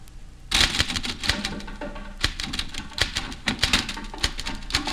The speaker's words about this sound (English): There are drums in the typewriter. I think, I don't know. There are drums in this typewriter.